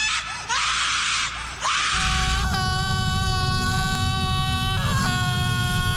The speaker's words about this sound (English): You know, there were people screaming with Halloween coming around. I thought that would be fun to do, and he got it.